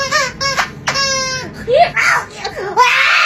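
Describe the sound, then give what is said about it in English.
A squeaky toy is squeezed, letting out a few short, high, buzzy squeals, then a voice imitates it with wavering squeaks that slide up and down in pitch. “Hey guys, I have perfect pitch, so I'm going to squeeze this squeezy toy and then mimic the sound it makes.”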